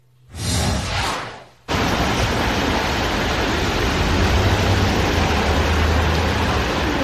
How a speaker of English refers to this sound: All right, let's show the video that you were talking about out of New York City as that heavy rain moved in yesterday.